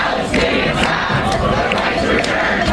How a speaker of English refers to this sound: Crowds protesting outside of the UN General Assembly today against Israeli Prime Minister Benjamin Netanyahu.